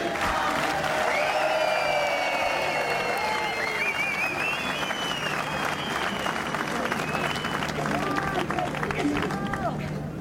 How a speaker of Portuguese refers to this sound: Para o menino, uma salva de palmas.